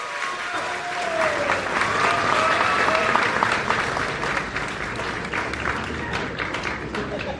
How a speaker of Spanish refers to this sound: Así que estamos muy contentos de recibir a la presidenta. Y un aplauso para la presidenta Claudia Sheinbaum Pardo. Bienvenida, presidenta.